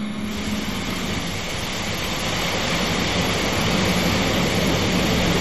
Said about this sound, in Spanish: Miren, ahí está la lluvia, todo lo que da allá en Paredón.